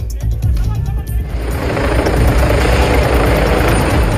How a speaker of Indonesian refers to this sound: Helikopter ambulans udara mendarat di Trafalgar Square, London, Rabu 5 Agustus.